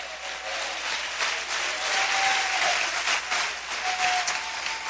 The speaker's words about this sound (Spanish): Dele fuerte ese aplauso a Cristo en esta hora.